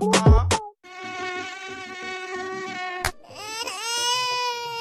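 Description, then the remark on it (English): A steady high-pitched mosquito whine drones for a couple of seconds, cut by a sharp slap at the mosquito on a child, then a wavering whine rises again; no one speaks. “Oga, now mosquito will bite you on your pikin like you slap, so it don't even suck,”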